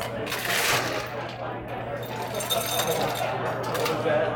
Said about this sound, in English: So now you put some ice into the glass. Okay, ice in the glass.